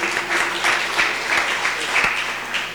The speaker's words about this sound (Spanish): Os aplausos de papá, salud.